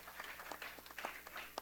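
An audience's applause: a brief patter of many hands clapping irregularly, fairly soft, with no voices over it.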